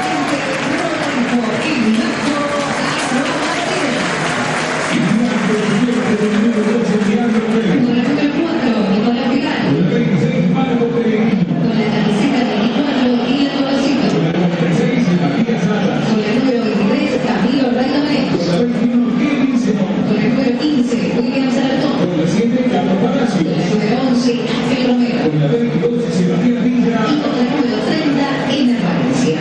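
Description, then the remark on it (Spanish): A stadium crowd at a Boca match applauds and cheers loudly and steadily as the Boca players are announced one by one, Merentiel last and heavily applauded, a dense wash of clapping mixed with many voices chanting or shouting together, never dropping off. “A ver, ¿cuál es el más aplaudido?”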